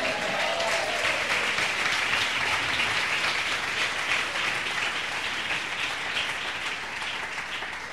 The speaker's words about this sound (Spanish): Y Dios prueba a sus hijos. Denle un aplauso, Señor.